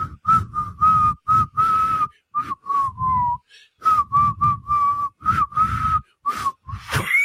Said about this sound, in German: Ich versage als Schlagererkennungs-App und du bist eine echte Pfeife. Okay. Du versagst beim Pfeifen.